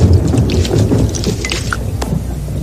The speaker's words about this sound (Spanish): Cuando estas pequeñas gotas son muy gruesas y pesadas para la nube, caen como gotas de lluvia. Como esas.